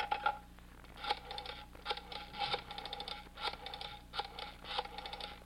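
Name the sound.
telephone being dialed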